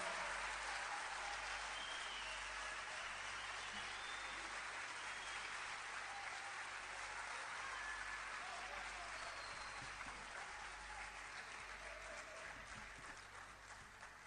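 Steady applause from an audience welcoming the musicians accompanying the evening's performance fills the whole stretch, a dense wash of clapping at an even level that eases off slightly toward the end, with a low hum running underneath.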